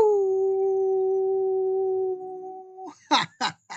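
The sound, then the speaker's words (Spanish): A voice lets out a long, steady, wolf-like howl held for nearly three seconds, then breaks into a few short, choppy yelps at the end. It is fairly loud. “Yo por eso a todos ellos que les dejé de ver, pues les envío un aullido.”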